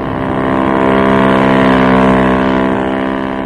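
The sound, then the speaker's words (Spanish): A speedboat launch crewed by a ship's captain and several officers drones steadily on the sea, its engine tone holding level and swelling slightly louder midway before easing back, with no voices present. “Una lancha rápida, tripulada por el capitán del Príncipe Carlos y varios oficiales, fue echada al mar.”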